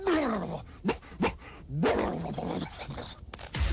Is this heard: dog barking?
yes